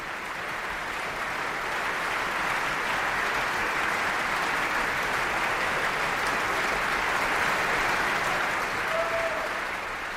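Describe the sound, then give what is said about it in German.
Sustained, dense applause from a large audience at the Bayreuth Festival, after an opera performance, for the singers, the conductor and the festival orchestra, fills the whole stretch at a steady, loud level, a continuous wash of clapping with no voices standing out. “Viel Applaus für die Sängerinnen und Sänger, den Dirigenten und das Festspielorchester.”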